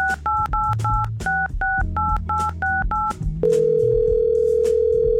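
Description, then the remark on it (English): A rapid run of about ten touch-tone keypad beeps, evenly spaced and clear, as a phone call to someone in Plymouth is dialed, gives way to a steady, unbroken telephone dial tone that holds to the end, with a low hum underneath. “That is what's known as a dial tone.”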